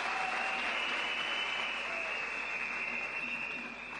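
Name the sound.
audience applause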